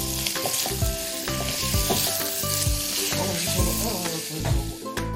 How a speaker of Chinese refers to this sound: 再加入葱花，大火快速的翻炒。